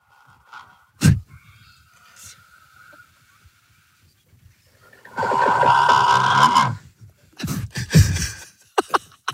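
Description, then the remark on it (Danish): A faint steady whine and a few sharp clicks give way to a loud, rasping snore mixed with the bubbling roar of an electric kettle and a wildly bubbling sauce, followed by short, gasping breathy bursts. “Du snorker, og imens er der en dæmon, der trækker vejret gennem din mund.”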